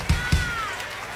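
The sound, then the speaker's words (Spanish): A concert crowd applauds guitarist a guitarist in a steady wash of noise, with a shrill whistle gliding through the middle and a couple of heavy low thumps near the start. “Un aplauso para él.”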